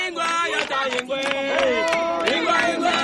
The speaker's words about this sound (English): Nine years ago, 2017, in a small, remote and extremely poor West African community, I've joined a crowd of local villagers who've just broken out in song. There's unbridled joy.